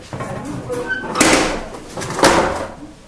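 Two heavy furnace doors slide shut one after another, each a rough, scraping metallic rush about a second apart, over faint background noise with no talking.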